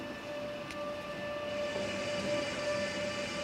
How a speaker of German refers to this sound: Kurz nach Vernaya bremst der Zug auch schon wieder ab. Es wird Zeit für den Aufstieg.